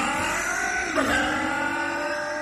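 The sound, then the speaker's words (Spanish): A car engine runs steadily with a droning hum, then revs briefly about midway before settling back to an even idle. The sound is fairly loud, with no voices. “Por más frío que haga, que su auto arranque sin problemas.”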